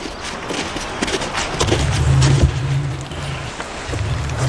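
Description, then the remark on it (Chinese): The angry roar of a female wolverine caught in a trap: deep, rumbling growls come in two sustained bursts, the first longer and louder, over a steady background hiss with no talking. “他们惊喜地听到了另一只雕熊愤怒的吼声。”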